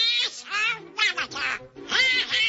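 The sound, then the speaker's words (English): A raspy, nasal Donald Duck cartoon voice squawks a rapid string of garbled, quacking syllables in several loud bursts, a human voice imitating a duck's quack. “In 1934, Donald Duck made his debut.”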